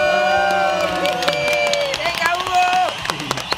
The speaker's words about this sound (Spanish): Pupunú, recibamos a un biólogo egresado de la UB que ha dedicado gran parte de su vida laboral al trabajo con tortugas marinas y que hoy nos viene a invitar al primer festival Cielo, Mar y Tierra en Lechuguillas, Veracruz. ¡Un aplauso para